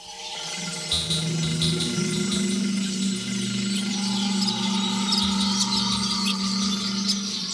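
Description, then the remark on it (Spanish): Birds singing at dawn after a night of three minutes: scattered high chirps and twittering birdsong over a steady low droning hum, with no voices; the calls come in quick irregular bursts throughout. “Escuchen de nuevo a los pájaros. Le cantan al amanecer después de una noche de 3 minutos.”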